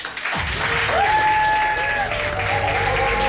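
An audience at a book fair bursts into steady, dense applause for a guest for a few seconds, with a few whistle-like cheers rising above the clapping.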